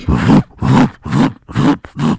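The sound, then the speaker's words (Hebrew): A voice imitates the booming bass of a car passing in a Jaffa street, as heard lying in bed: five loud, evenly spaced low grunting pulses in a steady thumping rhythm, each with a short gap between. “ואתה יודע שעבר אוטו, עם באסים.”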